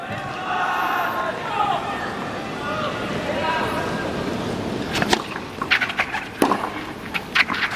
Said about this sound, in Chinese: 现场的观众也在给马哈奇加油，希望能够给他一些力量。